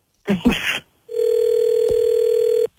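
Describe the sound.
A brief burst of voice-like sound, then a steady electronic phone tone holds for about a second and a half, a single ringback pulse on the line as a call is placed back to someone, clear.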